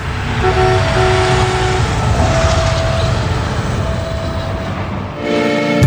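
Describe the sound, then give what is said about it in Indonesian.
A train rumbles steadily past a level crossing, loud and continuous, with sustained horn tones sounding over the rolling noise and a brief dip before a final horn blast. “pasal 110 ayat 4 sudah jelas menyebut, pintu perlintasan pada perpotongan sebidang berfungsi untuk mengamankan perjalanan kereta.”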